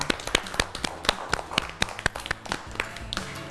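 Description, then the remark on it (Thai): A group of children clapping for themselves in a quick, uneven patter of sharp hand claps after correctly finishing a small-to-big ordering game, steady and moderately loud throughout, with no one talking over it. “เด็กๆนะคะเล่นเกมเรียงลำดับเล็กใหญ่ได้ถูกต้องทั้งหมดเลยค่ะเก่งมากค่ะปรบมือให้ตัวเองด้วยค่ะ”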